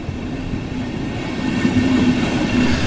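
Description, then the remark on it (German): An S1 S-Bahn commuter train heading out of Munich north to Freising rolls steadily along the rails, a dense rumbling roar with a faint tonal whine rising slightly louder toward the end, with no voices. “Mit der S1 geht's aus München raus in den Norden, in die Domstadt Freising.”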